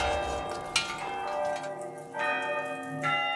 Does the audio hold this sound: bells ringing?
yes